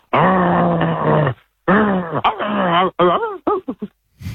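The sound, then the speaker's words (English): A person's voice imitates a growling dog as an animal impression: one long, steady growl, then a series of shorter moaning growls that bend up and down in pitch, with brief pauses between them. “It's obviously a dog. Well, yeah, it is. Correct.”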